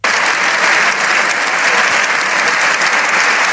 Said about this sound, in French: Des applaudissements nourris, entrecoupés de plusieurs « Viva el Papa ». Les profondes divisions qui traversent le Parlement espagnol n'ont pas empêché l'ensemble des forces politiques d'ovationner longuement et à l'unisson le pape après son discours